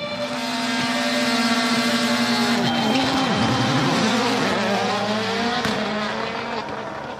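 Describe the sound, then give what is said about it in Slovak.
Several race car engines roar together as all the cars start a race at once after a loudspeaker countdown, their pitch rising and sliding as they accelerate hard, with a dense, continuous mechanical drone filling the whole clip. “3, 2, 1, štart! Ozvalo sa z ampliónu a všetky autá sa naraz rozbehli.”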